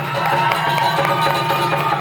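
An audience claps and cheers steadily for two seconds, a dense, loud wash of overlapping hand claps with voices shouting beneath, holding an even level throughout.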